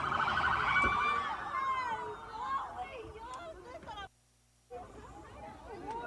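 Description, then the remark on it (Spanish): A loud ambulance siren wails for the first couple of seconds as ambulances go in and out of a center, then fades behind a noisy crowd of overlapping voices, with a brief drop to silence near the end. “A la par, ambulancias ingresaban y salían constantemente del lugar, así como unidades del servicio médico forense.”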